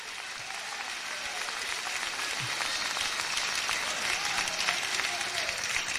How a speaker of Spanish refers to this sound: Si tiene vida, déle esas palmas, Señor, con vida. Que hasta para eso son flojos los muertos.